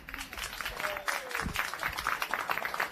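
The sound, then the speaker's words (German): An audience in Fürstenfeld applauds a very young musician during a live broadcast, dense overlapping claps forming a continuous wash of sound, with a few cheers or whistles rising briefly above it. “Und ich hoffe jetzt auf einen tosenden Applaus, denn ich habe einen ganz jungen Musiker bei mir.”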